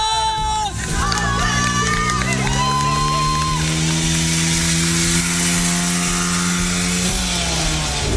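A small moped engine, ridden by a contestant in a speed challenge, drones loudly and steadily, its buzzing pitch climbing slightly as it revs and holding high for several seconds, with a crowd murmuring underneath.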